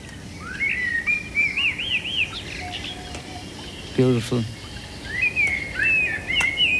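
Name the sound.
blackbird singing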